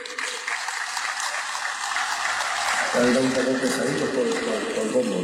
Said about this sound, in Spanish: Muchas gracias. Coleguitos romeros, un fuerte aplauso para todos ustedes.